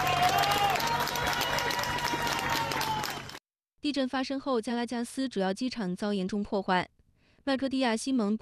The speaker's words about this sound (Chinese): 而西班牙军事应急部队成功在一个倒塌的建筑中救出一名妇人，妇人被救出后被立刻送往医院救治，搜救人员与在场居民欢呼庆祝。